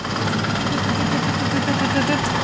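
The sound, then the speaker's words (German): A braille embosser in an in-house print shop runs steadily, punching dots into paper with a dense, rapid mechanical clatter over a low droning hum, holding an even loudness throughout. “Das ist quasi das Geräusch, wo jetzt die Punkte ins Papier kommen.”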